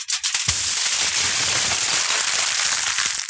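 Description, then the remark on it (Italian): Aluminium foil, used for storing food in the kitchen, being crumpled for a guess-the-sound game: a dense, continuous crackling and crinkling for about three seconds, loud and bright, with no voices. “Stavo accartocciando la carta stagnola.”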